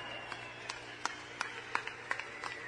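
Sparse audience applause for two women who will sing a chorus: about ten scattered handclaps at an uneven, loose rhythm, fairly faint over a steady low background hum, with no voices.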